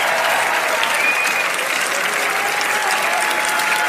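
Steady, dense applause from an audience, a continuous wash of many hands clapping at even loudness for the whole stretch, with no voices standing out.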